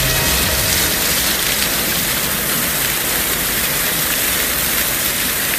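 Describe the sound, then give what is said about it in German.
A dense, steady rush of spraying water from a fire hydrant burst by a car crashing into it, a huge fountain shooting into the sky; loud like a heavy downpour, with no pauses and no voices. “Der Wagen fährt schlängelnd davon, genau in einen Hydranten. Eine riesige Wasserfontäne schießt in den Himmel.”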